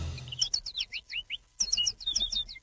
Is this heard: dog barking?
no